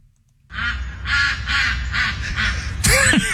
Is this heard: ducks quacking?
yes